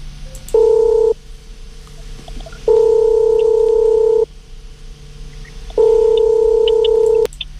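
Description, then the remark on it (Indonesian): A telephone ringing tone on an open line as Radio Sonora Jakarta calls a listener: three steady electronic tone bursts separated by short pauses, fairly loud and clear over a faint line hum, with no voices. “Oke, kita coba telepon dulu ya.”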